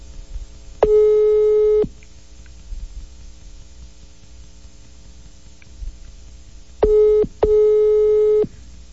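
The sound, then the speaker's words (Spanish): A WhatsApp call ringing tone from a call to Nairobi, Kenya: steady electronic beeps with a buzzy harmonic tone, one long ring, a pause, then a short and a long ring, over faint background hiss. “Estamos llamando por WhatsApp, evidentemente, porque estamos llamando a Kenia.”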